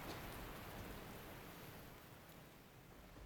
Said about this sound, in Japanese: 雨が少し小降りになった。